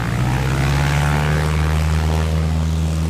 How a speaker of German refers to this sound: Die motorisierte Maschine vor uns zieht die Slingsby Richtung Himmel. Sie ist nur eines von mehreren Oldtimer-Flugzeugen.